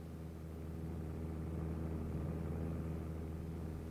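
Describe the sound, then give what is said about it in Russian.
A low, droning aircraft engine hums steadily with layered harmonic tones, swelling slightly in loudness as it approaches; no voices are heard. “Братцы! Самолет! Слышите, самолет!”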